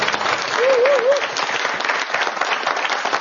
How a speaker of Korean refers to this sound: 박수 주세요.